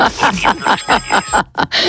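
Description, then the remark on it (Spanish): A rooster-crow wake-up alarm tone plays in quick, repeating bursts, about eight short pulses of bright, warbling pitch in an even rhythm, fairly loud, ending in a brief break and a final pulse. “Y claro, te levantas a las 3 de la mañana, ¿cómo suena tu alarma? Pues tengo el gallo Quirico ese.”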